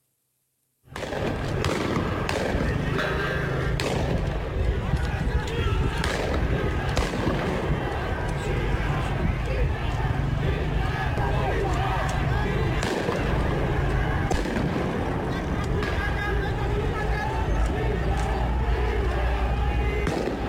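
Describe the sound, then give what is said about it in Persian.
Repeated sharp gunshots fired by security forces from atop the historic Haft Cheshmeh bridge beside Yahyavi Square in Ardabil crack out at irregular intervals over a loud, constant wash of crowd noise and shouting, the shots ringing with an outdoor echo. “تیراندازی ماموران رو نشون میده از بالای پل تاریخی در شهر اردبیل.”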